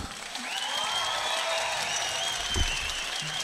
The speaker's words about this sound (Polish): Moi drodzy, wielkie brawa.